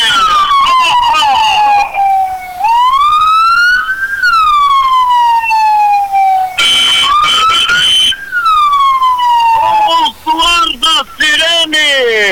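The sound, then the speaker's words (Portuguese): A loud wailing siren of a fire brigade truck, back at base after maintenance, sweeps up and down in long rising and falling tones, shifting into faster yelping bursts toward the end. “Do ABC do Corpo de Bombeiros, o ABC do Corpo de Bombeiros já retornou à base aqui. É o caminhão que estava em manutenção, já retornou, já prestando aqui o auxílio à comunidade ordenense, a equipe que trabalhou durante a noite aí.”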